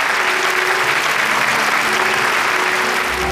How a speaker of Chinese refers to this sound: 我们两位主持人一起来参与互动，来掌声欢迎。